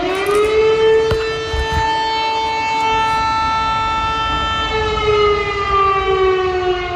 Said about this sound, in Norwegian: Her hører vi altså sirenene I Polen.